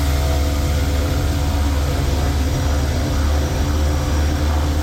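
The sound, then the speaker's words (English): A Manna delivery drone hovers overhead while delivering, with a loud, steady, droning whir, its low buzzing hum and broad rushing noise holding constant throughout with no voices. “I spoke to the Manna drone people on the air some months ago, and they said they had done a lot of work to reduce the noise of the drone that's hovering and delivering.”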